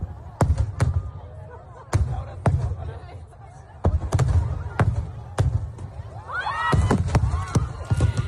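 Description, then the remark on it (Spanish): Repeated sharp fireworks bangs burst in irregular bursts, booming over a steady murmur of a large outdoor crowd on the beach, with voices rising and shouting toward the end. This is the Castell de Loya fireworks show in Altea, Alicante, fired from the sea by pyrotechnics firm Vulcano on a Saturday night, as a shell struck the shore. “Un total de 27 personas han resultado heridas a causa del impacto de una carcasa en el espectáculo de fuegos artificiales de Castell de Loya, en Altea, en Alicante.”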